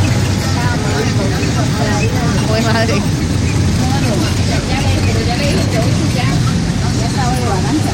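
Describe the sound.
Steady low engine rumble and rattling road noise from inside a moving city bus (colectivo) in Popayán, loud and continuous, with people talking and exclaiming over it. It is recorded by a passenger seated by the window of a bus in poor condition.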